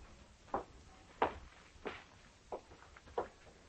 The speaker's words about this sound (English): I heard footsteps upstairs. Let's get up there.